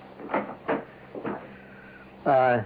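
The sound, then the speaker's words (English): A door is opened to somebody at the door, with a few wooden thumps and clunks spaced a beat apart, then a voice briefly speaks up right after. “Oh, somebody at the door. Don't answer it.”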